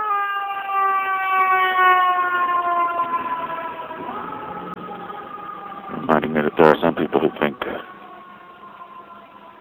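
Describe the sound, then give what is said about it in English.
A fire engine siren wails steadily and fairly loud, its tones gliding slightly as it passes, while a man speaks briefly over it near the end. “Here comes a fire engine.”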